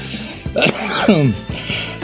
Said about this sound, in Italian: Un bel inizio con il colpo di tosse.